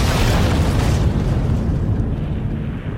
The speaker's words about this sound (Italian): Una esplosione di ferro contorto, legno spezzato e fiamme.